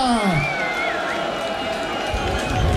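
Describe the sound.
A crowd cheers and applauds steadily for a few seconds, a dense, continuous roar of clapping and voices with some tonal sound running underneath.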